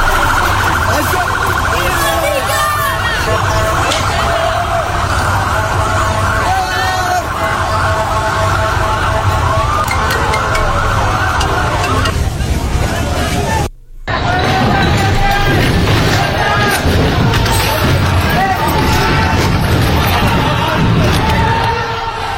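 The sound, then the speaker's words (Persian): A loud, chaotic crowd of young Muslim men rioting in city streets at night shouts continuously while sirens wail and scattered bangs and clatters cut through the din as trash bins are slammed to the ground and thrown, with a brief cut partway through before the uproar resumes. “فکر کنید مردم دیشب چه کشیدن، مردم این شهر از سر و صدا ریخته بودن این جوان های مسلمان توی خیابون ها، و این بشکه های زباله رو می زدن به زمین، پرتاب می کردن، مغازه ها رو به هم ریختن، به فروشگاه ها حمله کردن.”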